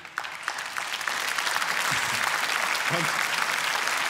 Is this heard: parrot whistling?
no